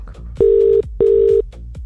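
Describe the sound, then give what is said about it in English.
Two steady electronic ringback tones, each lasting about half a second with a short gap between, from an outgoing phone call to a competition entrant ringing on the line, clear and fairly loud over faint background noise. “we could be calling you right now. Don't forget, you've got to answer the phone.”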